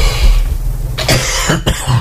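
A person coughs close by in a few harsh, raspy bursts, one right after another, over a steady low hum, with no talking.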